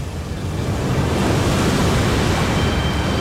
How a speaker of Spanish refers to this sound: Y con mar picado.